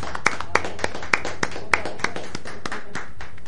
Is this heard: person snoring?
no